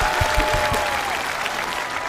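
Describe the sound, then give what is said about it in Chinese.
A crowd claps steadily to encourage a toddler's performance, a dense, continuous burst of applause, loud and even throughout with no voices standing out. “哎呀呀，掌声鼓励，掌声鼓励，掌声鼓励！”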